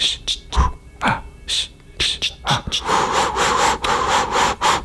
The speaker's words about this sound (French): On entend le chien qui trottine.